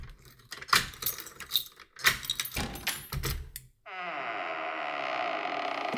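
Keys jangle and clatter for a few seconds, then a long, steady creak of old door hinges takes over, a drawn-out, fairly loud groaning squeal that holds to the end.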